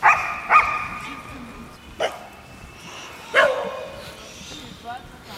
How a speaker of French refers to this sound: J'ai envie d'interviewer les chiens, parce qu'ils ont l'air de s'exprimer. Ils ont envie de parler.